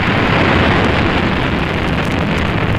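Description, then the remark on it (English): A rocket engine roars at full power at engine start for a launch, a loud, unbroken rumble with a harsh crackling hiss on top that holds steady for about three seconds, with no voices. “T-minus 18 seconds and counting engine start.”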